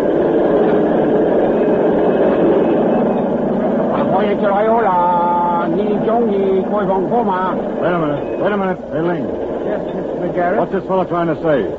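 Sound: train arriving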